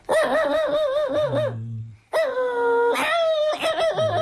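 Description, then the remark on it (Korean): A person imitates a dog's excited, happy barking, as a dog greets its owner coming home: loud, wavering yips and whiny barks in two quick bursts separated by a brief pause. “주인이 이제 반가워서 짖는 소리는 이렇게 짖는 네.”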